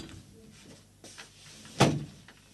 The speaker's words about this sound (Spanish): Le voy a cerrar la puerta.